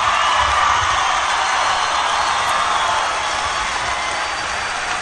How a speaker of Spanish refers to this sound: Quiero pedir un fuerte aplauso para recibir en este escenario